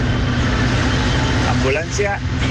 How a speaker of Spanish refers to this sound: Oígalo. Una máquina de bomberos, apagar una moto aquí